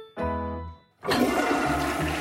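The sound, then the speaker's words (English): A brief tonal hum gives way to a loud surge of rushing, gurgling water, presented as millions of liters of raw sewage dumping straight into Winnipeg rivers, that keeps pouring steadily, much like a toilet flush. No one speaks. “That's millions of liters of raw sewage dumping straight into Winnipeg rivers.”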